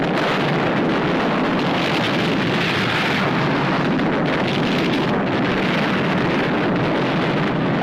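A huge, sustained explosive roar rumbles on for several seconds, loud and dense like a ship blowing apart amid battle, with a constant crackling wash and no voices; the warship Jingyuan exploding and sinking in a naval battle.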